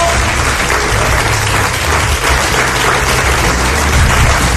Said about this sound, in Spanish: Os vuelvo a pedir que se sienta la fuerza de la gente que está aquí todavía en este castillo, con un aplauso para que os sientan en todo el mundo.